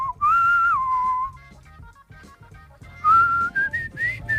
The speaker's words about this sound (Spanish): Oye, silbas muy bien.